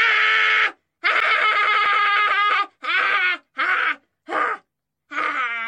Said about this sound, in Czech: Učitelka se rozzuřila. Byla to stará žena a ve svém učitelském životě zažila už všechno možné, ale tohle ne. Začala křičet a dupat nohama.